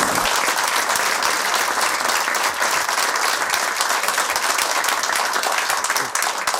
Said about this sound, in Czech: Já se omlouvám za tohle gesto, že jsem přerušil ten potlesk.